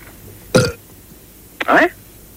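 Two loud burps about a second apart, the first short and abrupt, the second longer and more drawn-out, against a quiet background.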